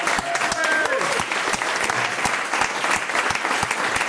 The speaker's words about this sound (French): Sébastien Cortési, producteur des decodeurs, qui est accompagné de notre autre producteur, Jean-Luc Sudan, et de leur attaché de production, Ariel Serré, qu'on applaudit.